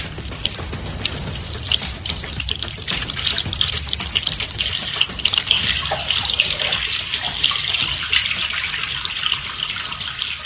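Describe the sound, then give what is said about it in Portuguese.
Water runs steadily from a tap, a continuous splashing rush with small gurgling shifts, as someone washes their hands beneath it. No voices are heard. “Lave sempre as mãos com água tratada, sabão ou cinza antes de cozinhar, antes de comer e depois de usar a latrina ou trocar as fraldas das crianças.”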